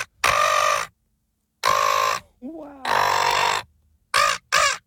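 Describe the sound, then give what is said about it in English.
A person's voice imitates a seagull with loud, harsh squawking cries: three long drawn-out calls followed by two quick short ones, with brief silences between. “That's my seagull. How can someone make that sound with the human voice box?”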